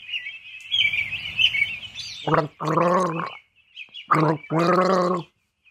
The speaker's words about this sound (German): Jetzt wird gegurgelt und Sie dürfen raten, was es ist.